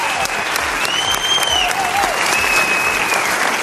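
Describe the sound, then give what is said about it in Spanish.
A crowd at a programme recording applauds a woman steadily and loudly for several seconds, a dense wash of clapping hands from an audience, with faint high whistles or cheers rising over it. “Os pido un aplauso para ella, la culpable, entre comillas, de que estemos aquí.”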